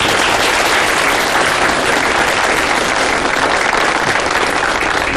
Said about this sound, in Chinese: 那么接下来我们有请福建来的陈副县长给大家讲一下啊，鼓掌。